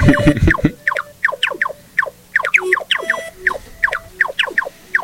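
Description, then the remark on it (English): A quick low thump opens, then a run of synthesized chirps, each diving sharply downward in pitch, repeating in an uneven, bubbly rhythm at moderate loudness with no voices. “These pitch-diving chirps that I added next, as I wanted to try something a little different.”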